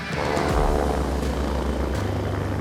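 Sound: helicopter flying overhead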